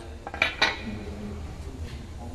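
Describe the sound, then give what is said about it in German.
A hammer strikes a metal stamp twice in quick succession, stamping the letter U into a drilled metal shopping-cart chip, each blow a sharp, bright clink with a brief high ring, followed by quiet low background hum. “Dann macht man mit einem starken Schlag. Hier ist ein U drin.”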